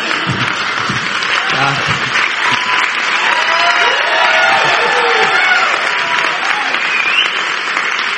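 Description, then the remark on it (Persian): A large audience claps steadily and loudly for several seconds, with scattered cheers and a few shouting voices rising above the sustained wash of applause. “دیگه انقدر تشویق نکنید، امشب کیانوری میاد تو خوابم.”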